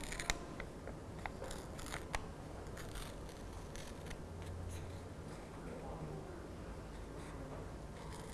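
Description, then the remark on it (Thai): Paper being torn slowly into strips by a teacher demonstrating for children, pulling the hand toward the body; a continuous crackling rip with a few sharp snaps early on, steady and moderately quiet throughout. “ก็ฉีกกระดาษนะคะเป็นเส้นนั่นเองค่ะค่อยๆฉีกเลยดึงมือเข้าหาตัวเองแบบนี้นะคะ”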